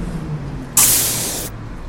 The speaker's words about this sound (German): Ah, da. Linie 12. Ah, da kommt der Bus schon.